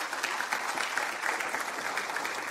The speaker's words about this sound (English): You may give a round of applause for that.